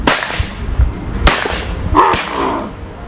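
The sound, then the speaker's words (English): Three sharp, loud shotgun blasts, fired at a white-winged dove, crack out at uneven intervals. Each is a sudden burst that quickly fades, with a faint hiss of outdoor background and no talking in between. “Shoot this bird. Get him, Robbo. Shoot him.”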